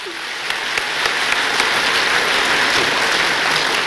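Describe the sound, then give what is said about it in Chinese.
Sustained audience applause at a Chinese crosstalk (xiangsheng) performance, a dense wash of many hands clapping that builds slightly and stays loud and steady throughout, with no speech over it. “掌声热不热烈？我听听。”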